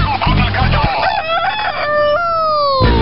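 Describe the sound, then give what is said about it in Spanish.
A rooster lets out one loud cock-a-doodle-doo, its drawn-out final note held for a couple of seconds, just after a short burst of low thumping, played for the 'El mañanero con el gallo' segment on Sol Estéreo radio in Chetumal. “El mañanero con el gallo.”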